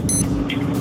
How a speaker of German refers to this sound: Ja, aber so klingt doch dein Wecker, oder nicht? Eher so wie der erste. Ich glaube, beim zweiten, da wäre er schon mehrmals aus dem Fenster geflogen.